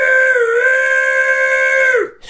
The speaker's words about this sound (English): In the distance, he heard a train whistle.